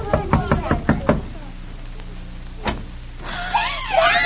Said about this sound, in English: Oh, just knock at the door and you'll find out. Go ahead, knock.